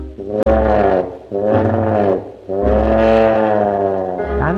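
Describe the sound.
A lion standing before a pond roars three times in a row, each roar long, loud and deep, with a rich low rumble that swells and fades before the next one begins.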